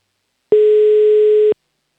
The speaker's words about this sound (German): Wähle hier schon mal die Telefonnummer. Der Anruf geht nach Oberösterreich.